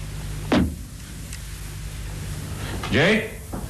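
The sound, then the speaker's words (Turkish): A cabin door that appears unlocked opens: a sharp click or knock of the latch, then a short, loud creak of hinges about two seconds later, over a steady low hum. “Kapı da kilitliye benzemiyor.”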